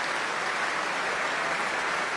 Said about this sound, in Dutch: Staande ovatie. Publiek, het was zichtbaar en hoorbaar onder de indruk van deze natuurkrachten die we hoorden.